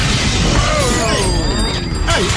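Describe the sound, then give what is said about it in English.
A loud, sustained crash of breaking glass fills the whole moment, dense and harsh, with shards clattering and a few sliding, whistle-like tones running through the noise. “Hey, there's a bunch of sound effects in here.”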